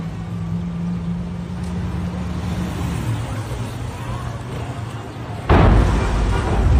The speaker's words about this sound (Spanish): Bueno, pues ahí está el momento de una de las explosiones, porque fueron varias, esta columna de humo, estas explosiones de las cuatro cisternas almacenadas en esta bodega presuntamente clandestina.